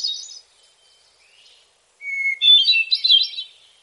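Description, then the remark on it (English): A hermit thrush sings alone: a fading phrase trails off, then after a pause a clear, sustained opening note gives way to a rapid, ringing cascade of higher, flute-like notes. “So that's one of the most beautiful bird songs ever. I think possibly everybody's favorite, or everybody's one of the top three, the hermit thrush.”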